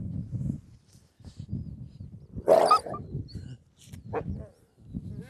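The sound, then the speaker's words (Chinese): Wolves let out a sharp, harsh bark in the middle as the wolf king, Dihuo, drives other wolves away from a keeper, surrounded by low rumbling growls and a brief yelp near the end, with no one talking. “看狼王在护我，怕我被群狼袭击，所以把我身边的一些狼都护开了。”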